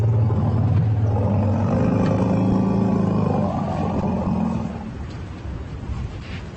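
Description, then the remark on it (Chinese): Deep, overlapping elephant greeting rumbles as two elephant herds meet swell together for several seconds, layered low tones with rising and falling harmonics, loud and sustained before fading into a quieter rumbling tail. No one speaks. “下面是两个象群之间的会晤。”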